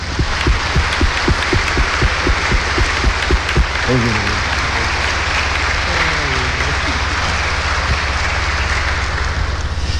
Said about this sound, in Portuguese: Eu fiquei muito feliz quando ele disse que nos ajudaria, e por isso hoje nós temos o privilégio de tê-lo como presidente da celebração. Então, aqui estão todas as nossas comunidades e por isso nós vamos acolhê-lo com uma calorosa salva de palmas.